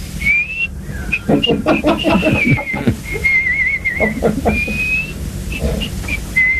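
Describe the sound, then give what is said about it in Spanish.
An old man whistles a short, wandering tune while walking at midnight with his hands behind his back, holding clear steady notes with a slight waver, with a burst of rough, muffled vocal noise partway through. “silbando”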